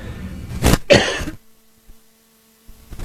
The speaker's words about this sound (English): Excuse me, I had to cough.